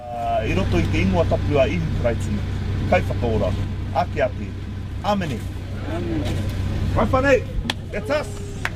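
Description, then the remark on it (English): A steady low rumble of idling car engines from a queue of cars snaking around the car park at Mangere Centre Park, where volunteers prepare to serve people collecting fish parts, while several people talk and call out, with occasional sharp clicks and knocks. “from Papatuanuku Kokiri Marae is getting a team of volunteers ready to serve the queue of cars snaking around the car park at Mangere Centre Park.”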